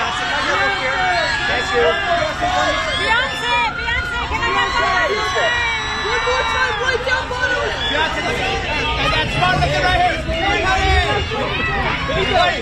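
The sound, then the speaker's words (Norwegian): A dense crowd of journalists at a red carpet at the Met Gala, shouting and calling out questions at once, a loud continuous babble of many people yelling over each other with no pauses. “Skal få høre lyden fra hvordan, hvordan det på en rød løper.”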